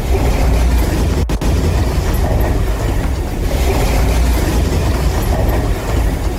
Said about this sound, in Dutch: Door twee zware aardbevingen voor de kust van Panama zijn zeker 27 mensen gewond geraakt. De schokken die werden door het hele land gevoeld. en hadden een kracht van 7,7 en 6,6. Deze vrouw zat in de auto toen gebouwen om haar heen instortten.